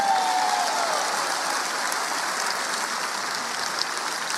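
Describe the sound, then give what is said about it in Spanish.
An audience breaks into sustained applause for the Lord, a dense, steady wash of many hands clapping that holds at an even level throughout, with no one speaking over it. “Y si tú lo crees, dale un aplauso al Señor.”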